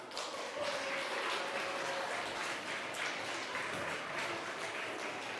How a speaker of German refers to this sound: So, einen herzlichen Applaus.